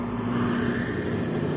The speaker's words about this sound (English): Progress is the sound of a motor, the hum of a turbine,